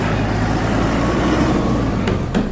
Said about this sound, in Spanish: Por ahí va bajando el vehículo con el joven. Estemos en alerta, comunidad. Cierren, cierren la vía. Ahí viene el carro. Atájenlo.